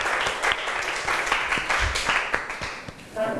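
A room full of people clapping together, a dense burst of applause with sharp individual claps standing out near the front, steady throughout and fading slightly at the end.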